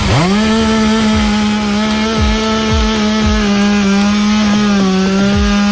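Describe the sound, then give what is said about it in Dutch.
A chainsaw used by firefighters in Maastricht in the morning to clear several trees blown onto the road by a storm roars steadily at high revs, its engine drone holding nearly constant while the blade bites through wood, with a few brief dips in pitch as it cuts. “De brandweer heeft ze moeten weghalen met de kettingzaag.”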